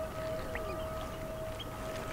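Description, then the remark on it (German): Harbour seals call across a sandbank in the Wadden Sea of the North Sea, off the Frisian islands, with drawn-out tonal moans and a few short rising yelps over a steady wash of wind and waves, with no one talking. “Seehundsbänke, Wellen umspült.”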